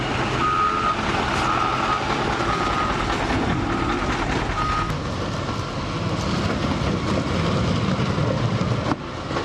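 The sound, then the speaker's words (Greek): A reversing alarm beeps steadily, roughly once a second at a mid-high pitch, over the loud, continuous rumble and clatter of heavy construction machinery of the Region of Crete and the municipality removing flood debris from the roads after a heavy downpour. “Ενώ μηχανήματα έργου της περιφέρειας Κρήτης και του Δήμου βρέθηκαν στην περιοχή προκειμένου να απομακρύνουν τα φερτά υλικά από τους δρόμους.”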